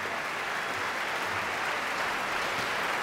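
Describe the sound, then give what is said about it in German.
Sustained applause from an opera audience at the curtain call of Nabucco as all the performers return to the stage, a dense, steady wash of clapping at an even volume throughout, with no voices standing out. “Jetzt ist der rote Vorhang zugegangen und alle Beteiligten kommen jetzt noch einmal auf die Bühne und werden vom Publikum gebührend empfangen.”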